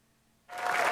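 After a brief near-silence, audience applause at the Auditorio Nacional erupts abruptly and swells into a dense, steady wash of many hands clapping, with no voices heard.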